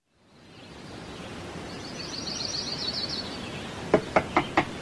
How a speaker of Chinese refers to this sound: 第二天清晨，急促的敲门声打断了廖运周的美梦